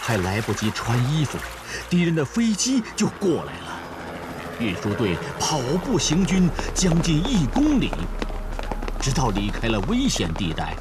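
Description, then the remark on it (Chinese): Water sloshes and splashes steadily as people wade through an icy river in midwinter, carrying grain carts across, with a northwest wind, light snow and thin ice floating on the water; a man's voice talks over it almost throughout. “快，大家都跟着下了水。隆冬时节，西北风卷着小雪，河上还漂浮着薄冰块。”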